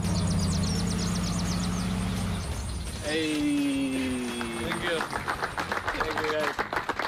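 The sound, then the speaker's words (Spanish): A car engine rumbles low for a couple of seconds, then cuts off as footballer Pedro Porro's car stops at Tottenham's training centre and he gets out, giving way to voices, whistles and scattered clapping from a line of first-team and academy players and club staff applauding him. “Este es el momento en que paró el coche y bajó del mismo.”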